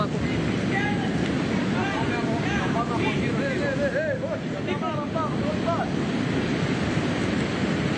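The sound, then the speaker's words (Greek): A loud, steady roar of rushing floodwater from a swollen, overflowing river surges without pause, the water running into the houses, with voices faintly audible beneath the torrent. “Είναι ξανακατεμένο ο ποταμός. Είναι τρομάρα. Είναι και δίπλα στα σπίτια, έτσι.”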